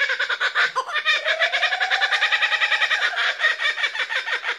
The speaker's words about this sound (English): There are so many beautiful bird sounds in the world and here in Australia. That is such a... That feels like one of the sounds of Australia. Mm. This is the kookaburra, which I love.